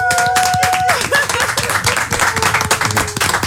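Loud, sustained applause from the court audience, dense overlapping claps, with a few whistles or cheering tones rising briefly above the clapping at the start.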